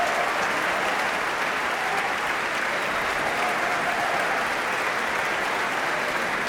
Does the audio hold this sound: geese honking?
no